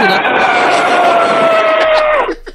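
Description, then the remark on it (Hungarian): A person imitates an elephant's trumpet by pressing the lips together and forcing air through them: one loud, sustained, brassy blare lasting about two seconds, its pitch sliding slowly downward before cutting off abruptly. “Az elefántod zseni.”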